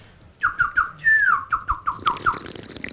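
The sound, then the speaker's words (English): A voice imitates a tui's call: a quick run of short, clucking chirps broken by one longer sliding whistle, then more chirps in a steady rhythm, clear and fairly loud with no talking. “Oh, that was a Tui. Okay. Do the Tui.”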